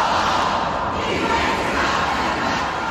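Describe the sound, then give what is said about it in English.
A crowd of protesters, upset over the shooting death of a homeless man, disrupts a police press conference in Madison, Wisconsin, shouting and clamoring together in a dense, steady, loud roar of overlapping voices, with occasional thuds, filling the scene without pause. “Last night, a police press conference in Madison, Wisconsin, disrupted by a crowd of protesters upset over the shooting death of a homeless man.”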